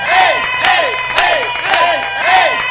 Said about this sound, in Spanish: Eso, se merece un aplauso porque la sintonía es bárbara.